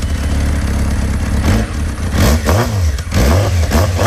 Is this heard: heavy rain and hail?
no